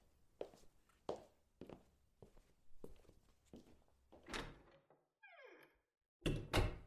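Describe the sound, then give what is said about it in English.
Steady footsteps of someone leaving walk away at an even pace, then a door creaks briefly on its hinge and shuts with a loud, heavy thud. No one speaks. “Please, just lock the door on your way out.”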